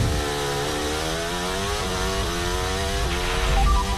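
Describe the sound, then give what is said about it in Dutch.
A Formula 1 car's high-pitched engine screams loudly and steadily, its pitch rising and then dropping sharply a few times as it downshifts through a corner, with no voices. “Je hoort hem gewoon nog een keer minder in terugschakelen.”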